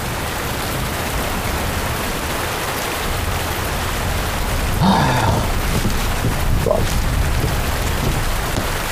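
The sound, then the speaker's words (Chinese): Steady rain pours down throughout, a dense, even hiss that stays constant in loudness, with a couple of faint, brief tonal sounds briefly rising above it midway. “等你知道下雨天该怎么对你官人呢。”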